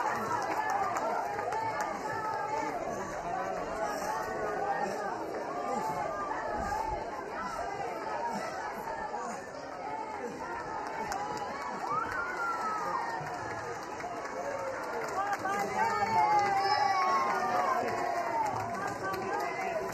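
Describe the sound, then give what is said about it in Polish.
A large street crowd in San Cristóbal cheers and shouts steadily as it welcomes the Pope, a dense wash of many overlapping voices rising and swelling without pause throughout, loud and continuous. “Oddajmy głos jeszcze na chwilę temu tłumowi, który wita Ojca Świętego, który wiwatuje na jego cześć na ulicach San Cristóbal.”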